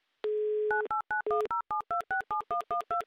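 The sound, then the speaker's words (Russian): A steady dial tone gives way to a rapid series of about a dozen short two-pitch DTMF beeps as a contestant's phone number in Smolensk is keyed in, loud with no voices. “прямо сейчас я набираю ваш номер телефона.”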